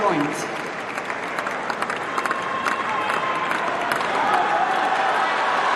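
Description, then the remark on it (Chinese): A large tennis crowd claps and cheers for Serena Williams in a dense, continuous wash of applause, sharp individual claps popping through, swelling slightly louder toward the end, with a mix of shouting voices. “现在全场的观众也在给小威廉姆斯加油。”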